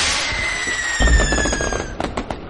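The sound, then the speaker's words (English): Fourth of July fireworks go off: a shrill whistle glides downward, then a deep boom lands and a burst of sharp crackling pops follows, with no voices. “I just found a bag of fireworks in the men's restroom. Would you guys like to light them off?”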